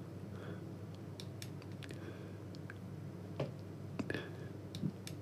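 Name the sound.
computer mouse clicking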